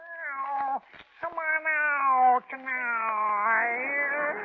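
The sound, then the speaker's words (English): A person imitates a lovesick cat sitting on a fence serenading its mate with a loud, drawn-out caterwaul, a wavering nasal yowl that breaks off briefly twice and then carries on in one long wail. “Didn't you ever hear a lovesick cat sitting on a fence serenading his mate like this?”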